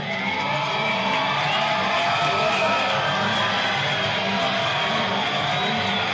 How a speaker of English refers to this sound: This crowd of over 3,700 making some noise here tonight. Hoping to have the Warbirds rally back late.